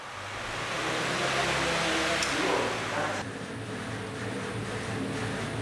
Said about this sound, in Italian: Mentre arrivano gli ultimi carichi, un'impiegata accende un ventilatore per rinfrescare l'ambiente.